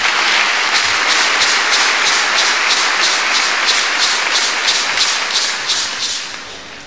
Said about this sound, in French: Donc, je vous demande d'applaudir les chrétiens de Saint-Jacques.